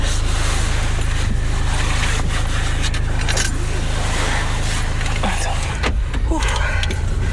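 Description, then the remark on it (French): A car seatbelt is pulled and buckled, with brief metallic clicks and rustling close by, set against a steady, loud rumble of a vehicle interior. “Alors, la ceinture.”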